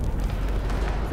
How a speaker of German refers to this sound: Ich vernahm den Donner schwerer Geschütze von weit her. Von Stunde zu Stunde wurde der Beschuss immer heftiger. Der Geschützlärm wollte nicht aufhören. Er löschte jedes Zeitgefühl aus. Die Einschläge kamen näher und näher.